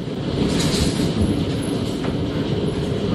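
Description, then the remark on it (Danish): Heavy hail pelts down during a thunderstorm in Karrebæksminde, South Zealand, Denmark, in a steady, dense roar: thousands of hard little impacts blur into a loud, continuous rattling clatter with no voices. “Ja, her er det store mængder havl, der falder i Karrebæksminde, mens tordenvejret passerede der.”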